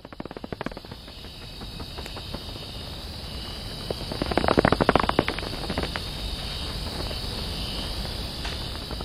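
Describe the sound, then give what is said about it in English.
Ambience of the Los Cedros cloud forest, recorded by the musician Cosmo Sheldrake, filled with a steady, high-pitched insect drone and dense clicking chirps, swelling to a louder burst of rapid crackling midway before settling back into the continuous insect chorus. “I want you all to hear what a rights-bearing, breathing, living cloud forest sounds like.”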